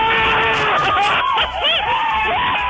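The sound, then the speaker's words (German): A crowd cheers and screams in a loud, continuous roar, with rising and falling shouts and whoops layered over a dense babble of many voices. “Das wäre mal ein Jubel.”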